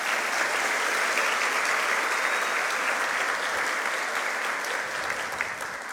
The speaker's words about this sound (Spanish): para quien pido nuevamente fuertes aplausos.